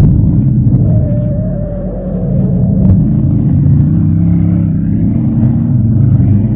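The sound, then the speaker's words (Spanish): A small car's engine rumbles low and steady as it pulls away along empty streets, with a brief rising whine early on and a steady drone continuing throughout, no voices present. “El pequeño auto avanzó por las solitarias calles y pronto los azules ojos de Calimán descubrieron al pequeño Solín en una esquina.”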